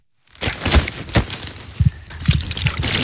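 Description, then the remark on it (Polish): Water is poured steadily over a landed carp to keep the fish moist so it does not dry out, a continuous splashing hiss broken by a few soft wet thuds, with no voices. “Czyli stąd jest to polewanie wodą, ona nie może wyschnąć, no bo śluz jest naturalną ochroną dla tej ryby.”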